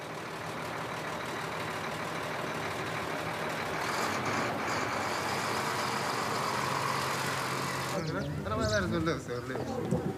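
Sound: truck engine driving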